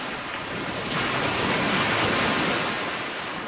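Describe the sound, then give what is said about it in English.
Lake water waves lap and wash steadily, heard out on the water of a lake, in a continuous rushing hiss that swells slightly in the middle before easing back, with no one talking. “Oh, it's always so nice to be out on the water.”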